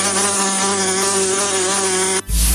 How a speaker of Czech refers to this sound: Před každým napitím se raději podívejme do plechovky anebo do sklenice, jestli tam není nezvaný okřídlený návštěvník s žihadlem.